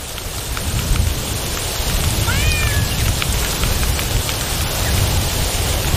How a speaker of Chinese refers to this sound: 夏季的干旱已经持续了一段时间，期盼已久的雨终于要来了。